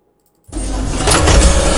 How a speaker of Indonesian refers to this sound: Aduh, salah print lagi. Ini udah ketiga kalinya nih hari ini. Mesin printnya sih nggak salah.